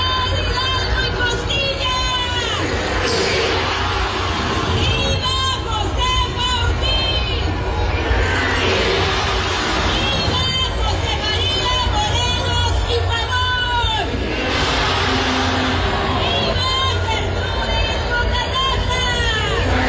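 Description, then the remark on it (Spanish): A large outdoor crowd at Marina del Pilar's Mexican Independence Day Grito in Baja California murmurs and chatters in a dense, steady hubbub, with overlapping voices and occasional rising shouts, heard from within the gathering at a fairly loud level throughout. “No, está la gente literalmente ni siquiera respondiendo a las arengas, ¿eh?”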